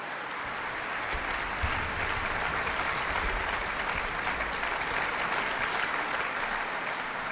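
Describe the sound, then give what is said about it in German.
Sustained, dense applause from a large audience, steady and loud throughout with a rapid crackle of many hands clapping and no voices standing out, for violinist Simone Lamsmann after a violin performance with the NDR Elbphilharmonie Orchestra and chief conductor Alan Gilbert. “Und dazu bekommt sie jetzt gerade noch eine leuchtend gelbe Sonnenblume und noch jede Menge Beifall vom Publikum.”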